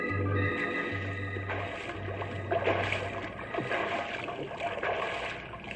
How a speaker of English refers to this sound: But at the Colorado River, Marcus Whitman still fought desperately to pick up the trail to Boston, fought to keep his horse's head above the icy waters.